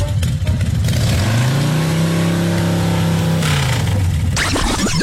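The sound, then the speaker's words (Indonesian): A motorcycle engine revs up to a steady, droning pitch as the rider moves the motorcycle to a proper parking spot, holds for a couple of seconds, then drops back to a rough idle. It is loud and steady, with no talking over it. “Yelah. Aku alihkanlah motosikal aku ni, ha.”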